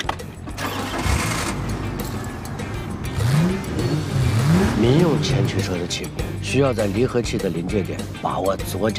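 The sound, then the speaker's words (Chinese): A front-wheel-drive passenger car's engine revs and accelerates hard from a standstill, its pitch climbing in repeated surges, loud, with voices speaking over the engine noise. “民用前驱车的起步需要在离合器的临界点把握左脚的力度，这样才能有更好的扎地力。”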